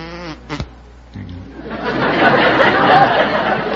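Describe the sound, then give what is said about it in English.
A man's voice briefly imitates a buzzing bumblebee with a short, reedy hum. A sharp click follows, then a swell of crowd laughter and chatter builds and fills the rest. “Yes, I can do a bumblebee.”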